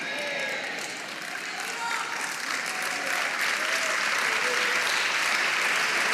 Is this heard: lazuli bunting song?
no